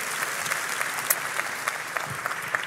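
Steady audience applause fills the whole stretch, a dense wash of many hands clapping at an even, sustained level with occasional sharper individual claps standing out, welcoming a guest who is a general practice doctor.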